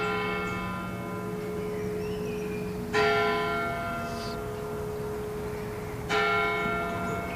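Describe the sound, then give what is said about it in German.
The bells of the Everdinger Stadtpfarrkirche (town parish church) ring for eleven o'clock with a rich, sustained tone, two clear strikes about three seconds apart rising over the lingering hum of earlier peals, with no voices. “Während die 11 Uhr Glocken der Everdinger Stadtpfarrkirche läuten, umkreisen wir die Kirche und betreten sie von der Nordseite.”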